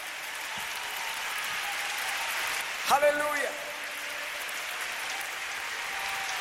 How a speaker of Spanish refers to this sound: Venimos a adorarte, Señor. Dale más fuerte ese aplauso. Aleluya.